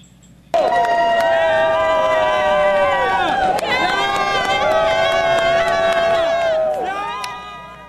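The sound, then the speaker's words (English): A sports crowd erupts in loud, sustained screaming and cheering as Team USA beats Australia in the World Cup, many high voices holding long shrill cries that sag in pitch, surge again, then fade out at the end. “The crowd goes wild as Team USA beats Australia in the World Cup.”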